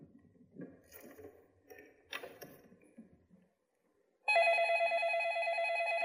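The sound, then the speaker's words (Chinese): Soft rustling and clattering fade to a brief silence, then a loud, steady electronic telephone ring tone starts abruptly and keeps sounding, as if a call is waiting to be answered. “想等接电话，肯定又跑出去喝酒去了。”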